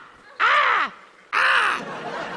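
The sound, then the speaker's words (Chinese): Two loud, harsh caws voiced by a person on stage imitating a crow, each about half a second long with a falling, nasal rasp, separated by a brief pause and followed by faint room noise. “就是代表很冷， 跟乌鸦一样，好不好？”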